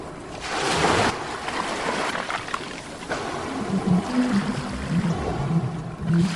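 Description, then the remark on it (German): A steady wash of ocean waves, played from a machine, fills the background while low, drawn-out whale calls rise and glide beneath it, growing more frequent toward the end. No one speaks. “Sofort von der Maschine heraus begann das angenehme Rauschen der Meereswelle mit entspannenden Stimmen von Walen zu klingen.”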